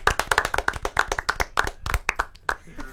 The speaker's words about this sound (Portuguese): Palmas pra Gabriel Bortoleto.